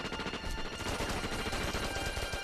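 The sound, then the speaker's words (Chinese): Sustained, crackling distant gunfire from the Second Company's fighting as it is about to charge over, rapid overlapping shots blending into a dense, rough wash with no voices present. “从枪声判断，二连他们正要冲过来。”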